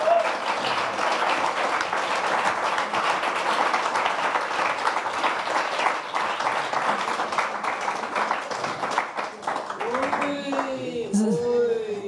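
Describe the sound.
Steady crowd applause fills the whole stretch, a dense wash of many hands clapping at even loudness, with a voice briefly rising over it near the end.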